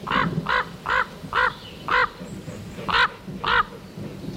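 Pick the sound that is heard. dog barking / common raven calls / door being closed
common raven calls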